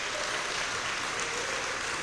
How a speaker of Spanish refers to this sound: Dele fuerte ese aplauso al Señor, hermano.